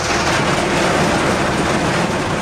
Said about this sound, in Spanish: Está el sonido en La Guancha, que se está produciendo fuertes lluvias y viento que están provocando diversas incidencias.